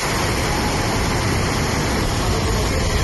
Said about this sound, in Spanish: Es el agua discurriendo por las calles del municipio completamente anegadas. Se ven coches arrastrados y buena parte del pueblo ha quedado inundada.